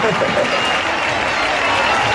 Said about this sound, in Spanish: Que antes hemos hecho un directo y me ha dicho que se casa. Y quiero que le demos un fuerte aplauso porque eso no se hace todos los días.